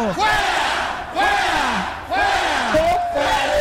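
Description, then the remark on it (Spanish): A crowd shouts in loud, overlapping waves, three big swells of voices rising and falling about once a second, with raw, strained cries layered together. “Mira, la gente está gritando.”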